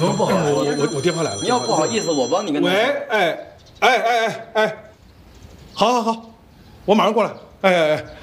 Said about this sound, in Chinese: 我电话来了。